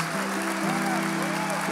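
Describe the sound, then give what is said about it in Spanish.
A crowd claps together in a dense, continuous wash of applause given to Jesus, with sustained musical tones holding steady underneath for the whole short stretch. “El que no está aplaudiendo es porque todavía tiene excusas.”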